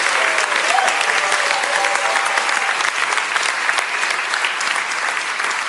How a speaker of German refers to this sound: Und mit diesem Applaus sagen wir Danke für deinen Wunsch.